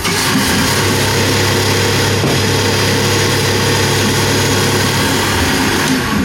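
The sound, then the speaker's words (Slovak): A blender runs without pause for about six seconds, whipping grape must with a little thickener into a mixture for ice cream, its loud motor giving a steady, droning whir with a low hum underneath. Nobody speaks. “Hodíme si trošku zausťovadla a vyšľahame v mixéri.”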